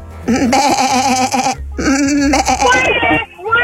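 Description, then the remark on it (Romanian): Two wavering, nasal sheep-like bleats follow one another closely, loud, a human voice imitating a sheep's bleat in an animal-sound guessing game. “Oaie, oaie!”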